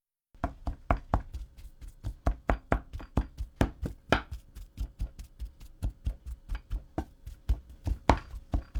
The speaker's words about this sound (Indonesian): Setelah itu, masukkan lagi potongan ubi ke dalam panci dan haluskan ubi selagi masih panas.